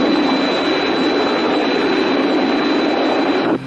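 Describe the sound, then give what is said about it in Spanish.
A stolen light aircraft returning from a trip, its engine droning loudly and steadily, a continuous roar with a thin high whine, then cutting off abruptly just before the end. No one speaks. “Me han informado que la avioneta robada acaba de regresar de un viaje.”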